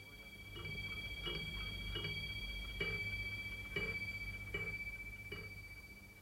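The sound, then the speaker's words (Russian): A desk clock ticks steadily, about one tick per second, while a bright metallic chime from its strike rings on and slowly fades underneath. “А эти, в частности, у него всегда стояли на столе. Он их сам заводил, любил прислушиваться к бою этих часов.”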